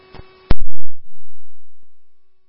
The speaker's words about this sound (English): Cobra Ambulance 3, these are your tones for 1332 Pinewood Drive, St. Mr. Pete.